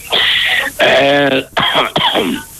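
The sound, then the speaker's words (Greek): A man coughs and clears his throat several times in close succession, loud, with harsh rasping bursts and a short voiced throat-clearing rumble in between. “Βήχεις εσύ”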